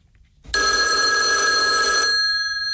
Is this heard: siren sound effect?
no